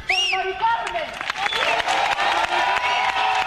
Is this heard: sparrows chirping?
no